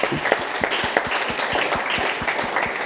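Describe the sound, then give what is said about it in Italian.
An audience applauds the volunteers steadily, a dense wash of clapping with a rhythmic beat of synchronized claps running through it at a brisk, even pace, fairly loud throughout. “facciamo a tutti un applauso.”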